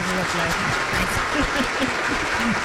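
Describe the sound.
Dense, steady applause fills the whole stretch at a loud, even level, with excited voices calling out over the clapping.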